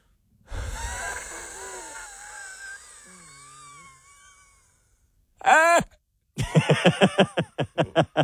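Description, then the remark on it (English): A person completely empties their lungs in a long, forceful, breathy exhale with a strained, wheezing moan, then a sharp loud gasp and a quick run of choppy, hiccuping breaths, like someone badly winded. “It actually, it sounds like if, like, you get winded really badly at school, and then that sound sort of comes out.”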